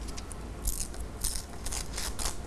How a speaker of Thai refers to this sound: …จะใช้มือในการฉีกกระดาษออกมาด้วย…ต้องการสีเหลืองของกระดาษนิตยสารหน้านี้…ก็จะฉีกออกม